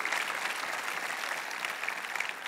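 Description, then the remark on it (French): A church audience applauds God steadily, a dense, even wash of many hands clapping together that holds at a constant level throughout, with no one speaking over it. “Applaudissez celui qui va vous rendre inébranlable.”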